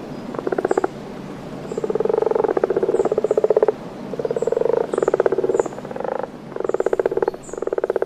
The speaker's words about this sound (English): Did you pick up what made that noise? That was some croaking frogs.